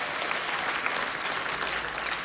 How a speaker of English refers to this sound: Clap your hands if you've heard the album already, if you've heard ….